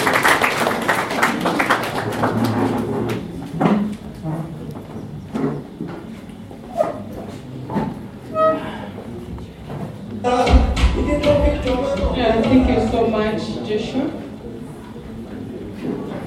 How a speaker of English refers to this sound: Please, may we clap for her as she comes to you.